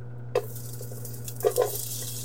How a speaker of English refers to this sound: I'm going to grab my onions and my ginger, and we're going to go ahead and add that to our pot. When it hits the pot, we want to hear that lovely sizzle. That's how we know that everything's just starting to come together.